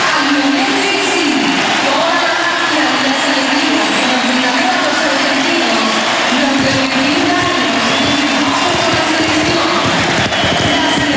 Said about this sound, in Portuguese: Estádio Monumental em aplauso contínuo durante vários instantes, o minuto 10 do Argentina-Benin, um jogo particular, um jogo que a Argentina ganhou por 3-0 em Buenos Aires